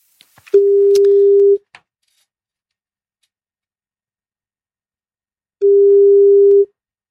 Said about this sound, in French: pour une fois évidemment on ne se voit pas, je te suis, je te laisse faire le numéro de téléphone.